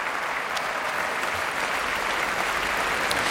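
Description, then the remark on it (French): Sustained applause in the grande salle Pierre Boulez for a young violin soloist after Ravel's concert rhapsody, from the audience, the conductor and the musicians of the Orchestre de Paris; a dense, even roar of many hands clapping at steady loudness throughout, with no voices standing out. “La jeune soliste est aussi très applaudie par les musiciens de l'Orchestre de Paris”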